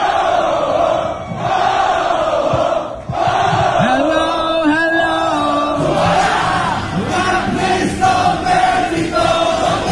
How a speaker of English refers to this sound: Oh, there's some super fans in that crowd.